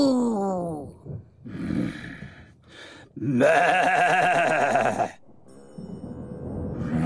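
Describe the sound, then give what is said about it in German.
A voice imitates a cow's moo as a way of breathing out anger, with a few drawn-out, low moaning calls, the longest and loudest sustained for nearly two seconds in the middle. “Wir atmen die Wut jetzt einfach weg, wie eine Kuh. Mu.”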